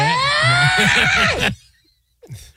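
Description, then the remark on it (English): A woman tormenting a man lets out a loud, shrill, wavering scream lasting about a second and a half, then it cuts off into near silence before a brief faint sound at the end. “Why did you say it in the cadence of that woman screaming while tormenting that poor man?”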